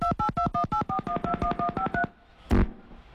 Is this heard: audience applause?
no